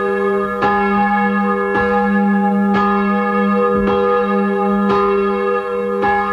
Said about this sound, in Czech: Hlahol Márie a Bartolomeja, ktoré rozhojdala zvonárka Anna Oravcová, sa z drevenej zvonice pri kostole svätého Juraja rozlieha 46 rokov